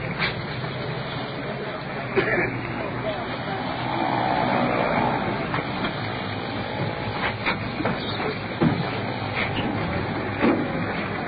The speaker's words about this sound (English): Sounds like them rolling in now. Here they are. Here comes the ambulance rolling in.